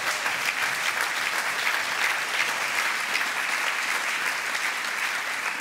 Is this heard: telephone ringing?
no